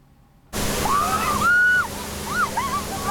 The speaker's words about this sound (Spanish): La policía alemana utiliza cañones de agua y no es para dispersar a la multitud. Al contrario, así la atraen. En Alemania todos quieren refrescarse.